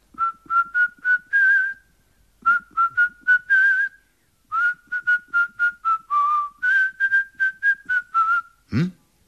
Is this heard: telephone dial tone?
no